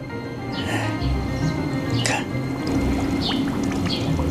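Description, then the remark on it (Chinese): Continuous fizzing and bubbling as a stitched cloth shoe sole is held in water, with scattered small gurgles and pops over a steady watery background, moderately loud; the bubbles come from the sole not being densely stitched. “它放进去就冒泡泡了。”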